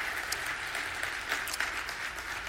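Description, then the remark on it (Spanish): An audience claps together in a strong morning applause of fraternity, greeting listeners in Juárez, El Paso, Las Cruces, Midland and Odessa. The applause is a steady, continuous wash, with many hands blending into a dense patter and occasional sharper claps standing out. No one speaks over it. “Reciban un saludo y un fuerte aplauso de fraternidad para ustedes en esta mañana.”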